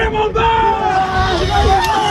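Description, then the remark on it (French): A crowd cheers and shouts continuously as exam results are posted in the courtyard of the Lycée Baggio in Lille, a dense wall of overlapping excited voices with occasional higher whoops rising above the steady, loud hubbub, the noise swelling each time a candidate finds their name on the lists. “Le volume sonore augmente chaque fois qu'un candidat se retrouve sur les feuilles.”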